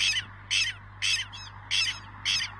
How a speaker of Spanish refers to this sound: Ah, mirá. Mira, es un pajarito había sido.